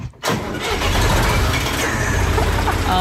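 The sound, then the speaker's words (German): The engine of a 1977 field-implement tractor (Feldgerätetraktor) with a tipper on the front cranks and catches after a brief quiet moment, then settles into a loud, steady, low rumbling chug that continues without letting up. “Ein Feldgerätetraktor mit Kipper vorne dran aus dem Jahr 1977.”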